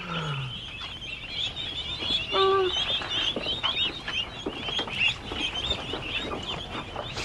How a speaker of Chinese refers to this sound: 我看看，我看看，好好玩的鸭子哦。